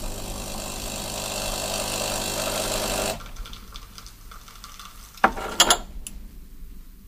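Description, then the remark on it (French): A motorcycle engine is revved hard, its exhaust roaring steadily for about three seconds, then cutting to a low rumble, followed by a couple of short, sharp bursts near the end. No one speaks. “Je dois avouer que le kéké en moi adorait faire crier. Le pot d'échappement.”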